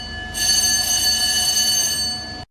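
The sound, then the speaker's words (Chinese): A China Coast Guard ship's battle stations alarm blares early in the morning during a law-enforcement drill in the waters of Huangyan Island on 1 August, one loud, steady, buzzing tone that starts abruptly, holds for about two seconds, then cuts off, with no voices. “清晨，随着急促的战斗警报拉响，由东安舰、大吉舰、甘泉舰等多艘舰艇组成的中国海警舰艇编队迅速调整航向，驶向目标海域。”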